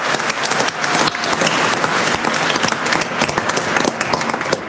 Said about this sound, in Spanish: Un aplauso a la Virgencita por siempre cuidarnos.